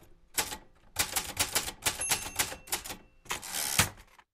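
Rapid typewriter keystrokes clatter in dense bursts separated by brief pauses, crisp, with a final flurry of heavier strikes and no voices.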